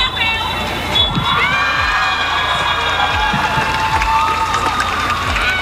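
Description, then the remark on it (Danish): The Danish women's national football team cheers and shouts after beating Serbia 4-1 away in the last qualifier to qualify for the World Cup in Brazil, with high, overlapping excited voices held at a loud level throughout, along with a few low thumps. “4-1 blev kampen, og så kunne kvinderne altså juble over at have kvalificeret sig til VM.”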